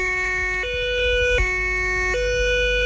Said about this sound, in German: Tatü, tata, der Krankenwagen ist da.